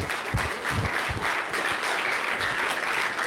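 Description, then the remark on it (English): A crowd applauds steadily, dense overlapping claps forming a continuous wash of sound at an even level throughout. The applause is a round for Boiling Springs Golf Course. “I'd like to do a round of applause for Boiling Springs Golf Course.”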